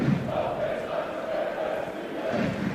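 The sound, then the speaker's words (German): A large football stadium crowd chants steadily during a match between Kiel and Eintracht Braunschweig, a sustained wash of many voices with a rhythmic, sung quality that rises and falls without pause. “Publikum weiter da und weiter die gute Nachricht für Eintracht Braunschweig.”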